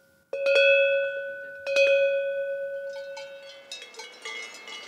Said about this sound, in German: Jede Herde im Alentejo, wenn sie denn noch traditionelle Kuhglocken hat, bimmelt anders. So weiß der Hirte, wo seine Tiere sind.